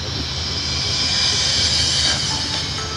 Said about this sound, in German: Das Ganze bei Sonnenschein. Ja, an der Elbe. Standort. Wir hören die Elbe rauschen, ein paar Schiffe ziehen auch vorbei.